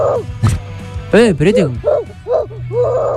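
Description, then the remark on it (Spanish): A child's voice imitates a bulldog, giving about six yappy, rising-and-falling barks in an uneven string, fairly loud, with a low hum underneath. “Mandás un audio haciendo un ladrido”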